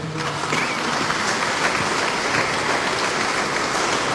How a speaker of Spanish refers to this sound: Amén. ¿Cuándo dan palmas al Señor?